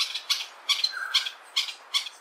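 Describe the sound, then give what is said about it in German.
A greater honeyguide in South Africa gives a series of harsh, high-pitched chattering calls, about six evenly spaced bursts, clear with no voices around, as it draws attention to itself. “So klingt es, wenn der Greater Honeyguide, der große Honiganzeiger, auf sich aufmerksam macht.”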